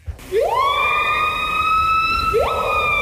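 A siren-like bird call: a loud, harmonically rich tone swoops upward and holds steady for about two seconds, then a second rising wail begins. No one speaks.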